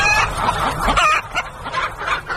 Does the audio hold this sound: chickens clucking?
yes